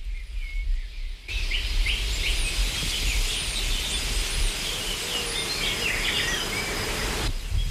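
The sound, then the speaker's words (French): Insects buzz steadily through a dense outdoor ambience, with many bird chirps and trills scattered on top and a low rumble of wind underneath, continuous throughout. “Un bourdonnement après l'autre, ce qui était silencieusement tapi dans un tissu de bruit, devient une délicieuse ritournelle, quelque chose qui fait mouvoir les hésitants, simplement, car cela fait sens de participer à cet écosystème vibrant.”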